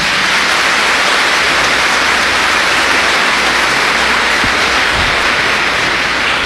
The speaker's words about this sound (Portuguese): Ele é lindo, uma salva de palmas para o Papa Leão.